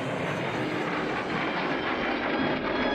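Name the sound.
airplane flying overhead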